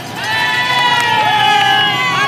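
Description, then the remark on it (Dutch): A roadside crowd cheers at a bike race climb, heard from a race motorbike riding through a sea of people just past bend 20, behind the group with Remco Evenepoel: a loud, steady wall of voices lasting the whole moment, with a sustained high engine whine running over the roar. “Luister eens naar al die mensen.”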